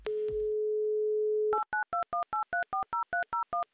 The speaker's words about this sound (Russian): Надеюсь, он тоже ответит нам взаимностью, тоже сделает шаг нам навстречу и ответит на наш телефонный звонок.